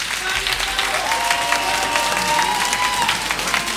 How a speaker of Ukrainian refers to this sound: Дякуємо за оплески, за кожну гривню, яка буде спрямована на підтримку українського війська.